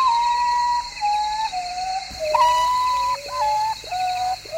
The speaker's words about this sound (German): So ein Vogel der Woche. Der Uratau. Der Tagschläfer.